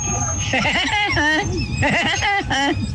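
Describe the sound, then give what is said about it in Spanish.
As a hidden talent on Tropicana radio, a voice imitates the cartoon Woody Woodpecker's call, delivering two loud runs of rapid, nasal, high-pitched staccato notes that bounce up and down in a chattering, laugh-like rhythm. “Mi talento oculto, Tropicana, es ser como el pájaro loco.”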